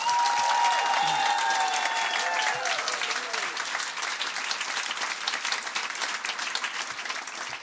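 A crowd applauds loudly and steadily for several seconds, the dense clapping never letting up, while a few high whistles and cheers slide over it near the start.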